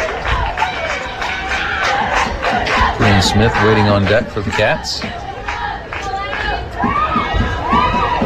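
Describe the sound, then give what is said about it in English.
Energetic cheering and chanting from softball teammates in the dugout during a softball game, voices overlapping in rhythmic bursts, with an announcer talking over the steady crowd noise. “You can hear the dugout. A little different from a baseball game. A little more cheer, if you will.”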